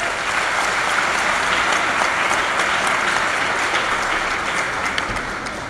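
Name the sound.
audience applauding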